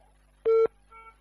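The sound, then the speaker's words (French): A single loud, steady telephone busy tone beeps briefly after a caller on the line hangs up, followed by a fainter tonal echo, with no voices present. “Il est parti.”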